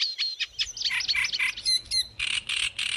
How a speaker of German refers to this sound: Nah verwandte Arten haben oft ähnliche Gesänge wie der Teich, der Sumpf und der Drosselrohrsänger.